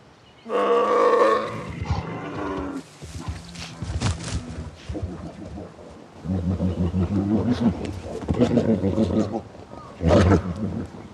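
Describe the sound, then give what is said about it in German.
Deep, growling roars of rival male bears fighting over females ready to mate in spring, loud, coming in repeated bursts with snarls and scuffling between them. “Erbittert kämpfen die massigen Kraftpakete um paarungsbereite Weibchen.”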